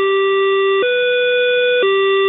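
A Berlin S-Bahn three-tone door closing chime: three loud, steady electronic notes, low, then slightly higher, then low again, each held under a second, with no talking.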